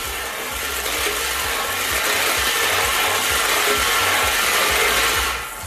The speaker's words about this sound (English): All right, let's spin those balls.